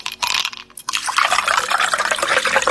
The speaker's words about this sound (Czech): Jer se čuje led dok točiš kolu u čašu kao na reklami.